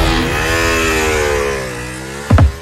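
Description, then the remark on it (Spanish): A motorcycle engine revs in a sustained, droning roar that slowly shifts in pitch, then ends with a couple of short, louder bursts. Fairly loud, with no talking. “Credit Hogar, tu casa, tu estilo, y ahora tu moto.”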